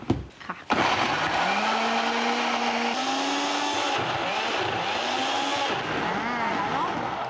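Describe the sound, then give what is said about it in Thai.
A loud electric blender whirs steadily for several seconds, blending vegetables, shiitake mushrooms and dried shrimp with a little added water, its motor pitch wavering and shifting as the contents churn, after a brief clatter at the start. “ทีนี้เราก็เติมน้ำนิดหน่อยเพื่อให้พอปั่นได้นะคะ ชิบ ปั่นได้เลย”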